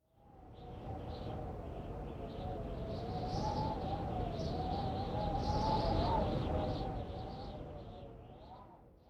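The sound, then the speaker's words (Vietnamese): Strong wind roars steadily for several seconds, with a thin, wavering whistle riding above the broad rushing noise and swelling slightly louder toward the end before dropping off. “Từ này có thể hiểu là tiếng gió rất mạnh.”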